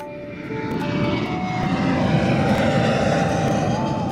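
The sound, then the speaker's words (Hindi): A steady, loud jet engine roar builds over the first second and holds, with drifting whining tones rising through it as the airplane powers up for takeoff from New Delhi on a flight to Dibrugarh. “नई दिल्ली से उन्होंने भरी उड़ान और पहुँचे डिब्रूगढ़।”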